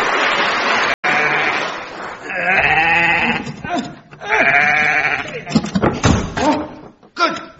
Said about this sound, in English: Yes, I don't recall having a sheep in chambers for a conference before.